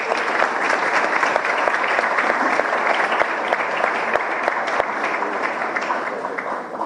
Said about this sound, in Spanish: Un aplauso también a estas empresas.